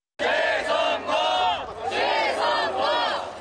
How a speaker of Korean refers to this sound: 페스티벌 입장을 기다리는 관객들 주위로 재선거라는 외침이 반복해서 울려 퍼집니다.